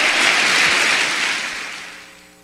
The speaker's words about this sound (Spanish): Dele fuerte el aplauso al Señor, por favor.